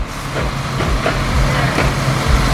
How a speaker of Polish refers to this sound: Jak słychać, ciężki sprzęt pracuje tutaj z pełną mocą. Aktualnie cały teren został rozkopany, a wzdłuż nowo powstającego lodowiska zostały usunięte stare, nierówne płyty, które zastąpi nowa nawierzchnia.